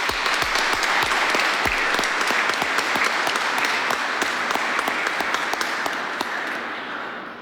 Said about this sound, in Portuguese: Uma salva de palmas a eles também.